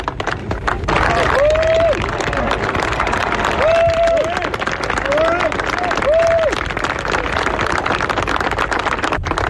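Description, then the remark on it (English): A golf crowd applauds Rory McIlroy as he walks up to the green, steadily for several seconds, a dense crackle of clapping over murmuring voices, with a few short mid-pitched whistles rising above it. “He's just walking up to the green here, as you can tell from the crowd around me.”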